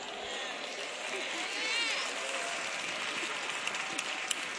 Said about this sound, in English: Look at all the sisters clapping, praising the Lord, praise God.